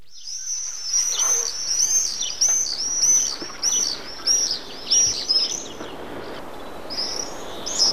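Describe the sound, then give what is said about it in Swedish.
Shrill, high-pitched screaming calls of common swifts, named bird of the year, repeated in rapid bursts over several seconds, with a faint airy background and no talking. “Här hör vi alltså tornseglaren som har utsetts till årets fågel.”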